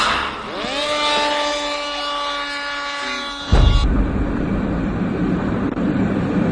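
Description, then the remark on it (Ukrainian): A Hornet attack drone's engine spools up into a steady, high buzzing whine, then after a countdown a sudden loud whoosh marks the launch, followed by a sustained roar of rushing noise that gradually settles. “Три, два, один, пуск!”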